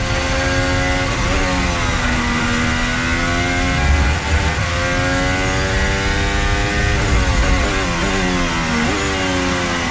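A Formula 1 race car engine heard onboard Gabriel Bortoleto's car, loud, its high-pitched whine rising and falling through upshifts and downshifts as the car accelerates and brakes, with no voices.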